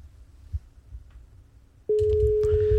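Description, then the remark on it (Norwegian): A faint low rumble gives way to a loud, steady telephone ringing tone as an outgoing call to a mobile phone connects, which starts abruptly and holds unbroken to the end. “Så, hun får et par ring.”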